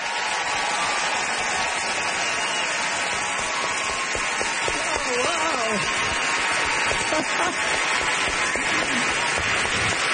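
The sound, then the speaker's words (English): An audience welcomes author Louise Penny, the evening's guest of honor, with steady applause for about ten seconds, a dense, even wash of clapping at full volume, with faint cheering voices briefly rising through it midway. “Great applause, rock applause, and that's how you get to see folks.”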